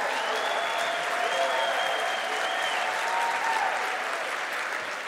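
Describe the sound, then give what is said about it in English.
Steady, dense applause from an audience, a continuous wash of clapping hands at an even loudness for the whole stretch, with a few faint voices and tones mixed underneath. “And you know, I appreciate you clapping and yeah, amen.”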